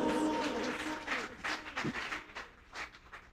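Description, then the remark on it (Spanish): A crowd at a Spanish-language sermon gives Jesus a loud round of applause, clapping together in steady, dense waves that swell and fade unevenly, with a brief tonal hum at the start and no clear speech over it. “Dele fuerte ese aplauso a Jesús.”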